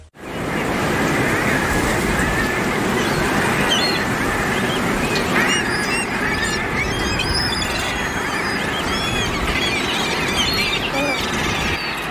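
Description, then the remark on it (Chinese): A large colony of thick-billed murres nesting on narrow cliff ledges calls in a dense, constant din of overlapping squeals and growling cries, with a steady rush of surf or wind underneath throughout. “在这片悬崖上，数量众多的厚嘴鸭海鸭在狭窄的峭壁上安家，它们外形酷似企鹅，会将卵直接产在裸露的岩石上”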